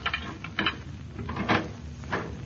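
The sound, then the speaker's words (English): A key rattles and clicks in a lock, followed by a few mechanical clunks as the front door is unlatched and pushed open. There are no voices, and the sounds come at a moderate level. “No, we'll just use our key.”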